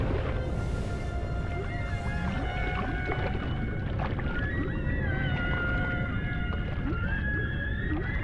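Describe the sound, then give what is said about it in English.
Underwater humpback whale song with long, tonal moans and rising and falling whistles layered over a constant low rumble of water noise, several calls overlapping at steady loudness. “The humpback is the most tuneful and best known whale vocalist, but many others also call long distance.”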